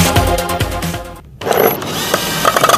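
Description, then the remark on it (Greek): Metallic clanking and ratcheting of tools during plumbing repairs on an apartment building, busy and irregular, with a brief pause before the scraping, clicking and knocking resume at a steady, fairly loud level. “Οι απέναντι επιδιορθώνουν τα υδραυλικά της πολυκατοικίας.”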